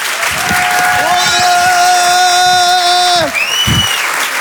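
A crowd at the Rire et Chanson Comedy Club bursts into loud, steady applause and cheering for the next comedian, filling the whole few seconds, a dense wash of clapping with sustained musical tones ringing over it.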